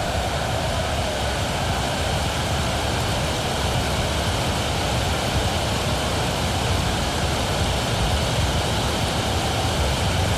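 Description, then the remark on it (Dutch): A dense, steady roar of heavy rain pouring down on a football match involving Ipswich, loud and unbroken for the whole stretch, with no voices and no pauses in the downpour. “Het is echt aan het gieten, hoor.”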